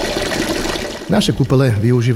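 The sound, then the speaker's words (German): Steady splashing water at a thermal spa pool, fed by thermal springs of 34 to 38 °C, fills the first second, fairly loud, before a voice starts talking over the fading wash of the pool. “Unsere Therme bietet 5 Thermalquellen mit Temperaturen von 34 bis 38 Grad, sagt der Manager und Wasserexperte”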